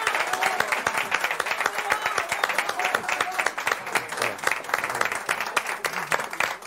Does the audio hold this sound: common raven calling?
no